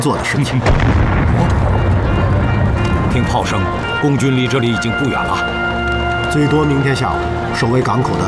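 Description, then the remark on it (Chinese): Heavy, rumbling booms of artillery fire from the Communist army, which is not far off, roll through a dense, noisy scene at a port where people are boarding a ship, with a steady low roar underneath and indistinct voices and tonal sounds emerging in the later part. “听炮声，共军离这里已经不远了， 最多明天下午，守卫港口的就会换成共产党的部队。”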